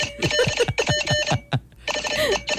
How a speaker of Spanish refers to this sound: Ahí viene. Lo que pasa es que es código Morse, eso demora.